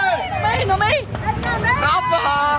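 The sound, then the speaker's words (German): A hubbub of many overlapping spectators' voices outside the car, heard from inside it, steady and fairly loud throughout, with no single voice standing out and a low background rumble beneath the chatter. “Genau, wir hören da gerade die Meinungen von draussen.”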